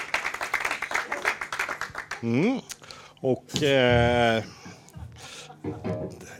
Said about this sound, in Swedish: En stor applåd